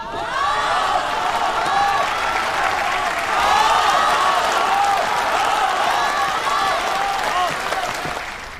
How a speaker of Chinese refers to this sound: 感谢大家雷鸣般的掌声。